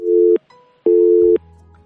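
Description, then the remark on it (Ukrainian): A telephone busy signal on a call-in line: two loud, steady electronic beeps of equal length with a short gap between them, clear, followed by a faint low hum as the line cuts off. “Не вийшло в цей раз прийняти телефонний дзвінок.”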